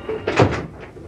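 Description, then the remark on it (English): A door opens: a short, fairly loud burst of wooden movement with a brief creak, then quiet. No voices. “Close the door and come and sit down, will you?”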